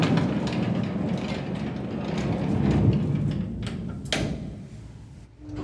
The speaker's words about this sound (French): Train de wagonnet tiré par un cheval aveugle.